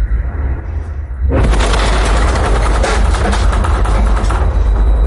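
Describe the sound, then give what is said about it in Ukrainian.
A low rumble gives way to a sudden, powerful blast, followed by a sustained roaring wash of noise, like a missile strike explosion echoing. It is a direct Russian missile strike on Lukianivka, Shevchenkivskyi district, Kyiv, Ukraine. No one speaks. “Тут від прямих ударів російських ракет вчергове здригалася Лук'янівка.”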